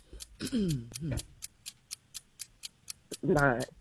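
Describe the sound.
A game show timer clock ticks in a steady, quick rhythm, about four crisp ticks per second, running throughout. Brief bursts of voices speak over it near the start and end.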